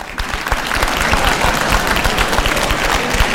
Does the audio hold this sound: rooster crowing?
no